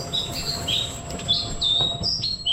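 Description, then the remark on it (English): A black robin, a small songbird, sings a series of clear, high whistled phrases, each a short rising or falling note, repeated in a steady sequence over a soft background hiss with no talking. “That is the song, the bird song of the Black Robin, which has been named Bird of the Year for the first time, which is very special.”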